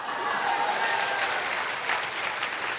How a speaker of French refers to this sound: Là, les applaudissements se font un peu moins retentissants.